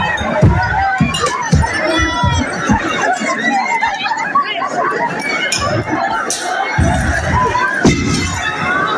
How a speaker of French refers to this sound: Au-delà, Yvan Lachaud, des cris ou des rires de certains élèves, on entend évidemment ces projectiles balancés sur la façade.